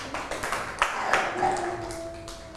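A short, scattered round of clapping from a group of children, quick uneven claps at moderate loudness, with a faint steady tone coming in during the second half.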